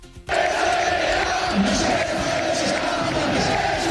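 Rayo Vallecano fans in the stands at Vallecas chant in protest against the club president, a large crowd chanting loudly and continuously in unison, a dense roar of many voices with a steady sustained pitch, starting abruptly after a brief quiet moment.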